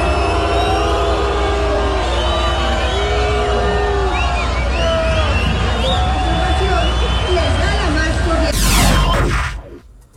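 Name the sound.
crowd booing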